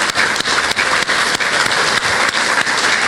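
A crowd at an event in Puebla applauds the municipal presidents loudly and steadily, a dense wash of many hands clapping with no pauses and no voices standing out.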